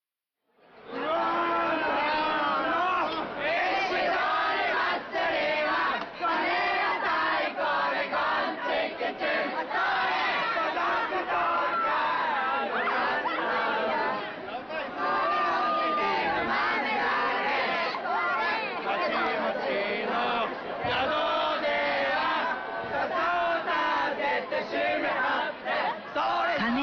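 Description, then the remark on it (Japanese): A dense crowd shouts and yells continuously at the Ishidori Festival in Kuwana, Japan, a loud night festival known locally as Japan's noisiest, many voices overlapping into a steady roar with rising cheers and cries, sustained at high volume throughout. “石取り祭りは桑名を流れる町屋川の石を奉納する神事が始まり、地元では日本一やかましい祭りとしても親しまれています。”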